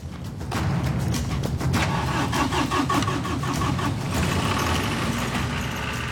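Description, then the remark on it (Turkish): An engine cranks briefly and catches, then settles into a steady, loud mid-pitched running rumble with a rattling, rhythmic chug. It is being started for a four-hour test run. No one speaks. “4 saatlik bir test yapalım. Tamam. Çalıştıralım.”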